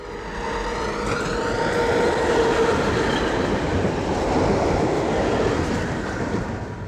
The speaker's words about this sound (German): Ich kann das Geräusch der Straßenbahn nicht ändern, aber ich kann es schön finden.